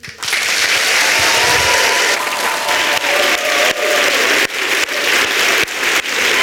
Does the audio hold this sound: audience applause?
yes